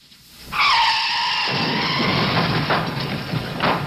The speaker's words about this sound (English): That car crash into Molly's Reach is the biggest stunt ever tried by the Beachcombers. In the film business, they call it a gag, but it's not just tossed off casually.